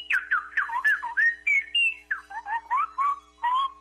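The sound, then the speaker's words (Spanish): A person whistles a quick, warbling birdsong imitation of a goldfinch, with rapid chirping notes and sliding trills in short bursts, clear with no talking. “¿En dónde aprendió a chiflar así tan bonito?”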